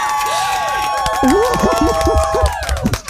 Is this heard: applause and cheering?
yes